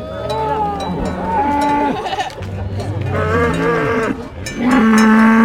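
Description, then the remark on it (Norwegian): Several cows moo loudly and repeatedly, their long lowing calls overlapping one another as the herd moves down a valley toward fresh pasture, driven along the road by about 50 lower secondary school students, with a faint clank that may be a bell in the background. “Det var entusiastiske kyr som gledde seg til å komme til freskt beite, og tidvis så visste kyra selv vegen ned dalen, med 50 anpustende ungdomsskoleelever på slep.”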